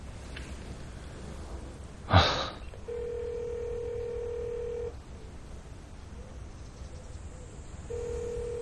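A short burst of phone dialing tones is followed by a steady ringback tone that repeats, sounding two long rings with a pause between, as a call to Brother Tan, now a vice mayor, goes unanswered. No one speaks.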